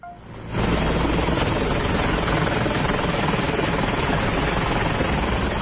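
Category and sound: vehicle, helicopter flying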